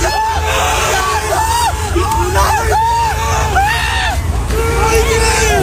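A large crowd at Brnik, Slovenia, shouts and cheers in a loud, continuous din as a bus carrying Ronaldo passes, with high excited yells and whoops rising over the babble, a low engine rumble beneath it all.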